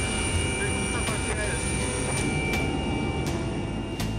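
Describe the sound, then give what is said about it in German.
Loud, steady engine roar inside a helicopter cabin during a 12-minute flight to the BG Klinik in Duisburg, with a deep rumble, a constant whine on top, and faint rhythmic pulses from the rotor running through it without pause. “Die lauten Geräusche in der Maschine können gerade bei Schädel-Hirntrauma-Patienten zu Problemen führen.”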